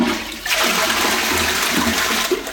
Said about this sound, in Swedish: Det är ju en lyx egentligen att vi spolar renat vatten i toaletten. Men med det läget som mer och mer blir, så funderar man ju på, är det ett hållbart sätt att hantera vattnet på?